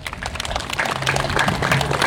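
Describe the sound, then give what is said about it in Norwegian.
A short burst of steady applause from a small group for a 'law' just read out, dense clapping growing slightly louder, with a faint voice or cheer mixed in toward the end. “Gi han en applaus den loven.”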